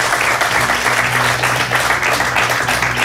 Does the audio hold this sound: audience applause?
yes